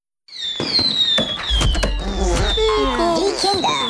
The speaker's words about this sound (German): Ja, also das vierte ist Feuerwerk. Das sind ein bisschen andere Raketen als 1 bis 3.